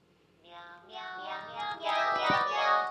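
A cat meows in a long, drawn-out wail that rises and swells, with several stretched, wavering cries running together and growing louder over a few seconds, close and prominent with no talking.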